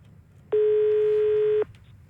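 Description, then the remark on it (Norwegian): A single steady electronic telephone tone sounds for about a second, loud, like a call connecting as a listener's phone call is taken on the NRK P1 Plus breakfast radio show, with only a faint low hum around it and no one speaking. “Men nå er det på tide å ta inn en telefon igjen.”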